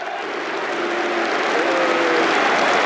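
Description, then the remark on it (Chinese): Football fans of both Arsenal and Aston Villa in a stadium applaud steadily throughout as Konsa makes his first appearance for Arsenal in the 79th minute. The dense clapping blends into a broad, roaring wash that swells slightly toward the end, with faint tonal chants or whistles drifting through. “第79分钟，他首次代表枪手出场，得到了双方球迷的掌声。”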